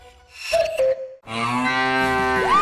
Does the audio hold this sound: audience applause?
no